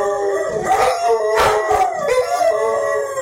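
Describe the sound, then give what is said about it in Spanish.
Several puppies at home howl and cry together in a continuous, overlapping chorus of wavering, high-pitched wails, fairly loud, with no one talking; it is raining and they are afraid of the rain. “Los cachorros. Le tienen miedo a la lluvia, por eso están llorando así.”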